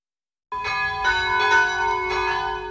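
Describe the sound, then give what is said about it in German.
Church bells of the St. Rupert church centre in Fürstenbrunn ring at 12 noon after a brief silence, several overlapping strikes with long shimmering overtones, fairly loud and sustained, no voices. “Es ist 12 Uhr. Sie hören die Glocken des Kirchenzentrums St. Rupert in Fürstenbrunn.”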